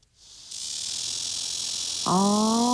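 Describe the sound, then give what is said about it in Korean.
A black cicada (Cryptotympana atrata) gives a loud, continuous high-pitched buzzing drone, steady, with a lower harmonic whine joining in near the end; no voices. “자, 이제 맴맴맴맴에 이어서 다소 시끄러운 친구가 등장을 합니다. 두 번째는 말매미인데요.”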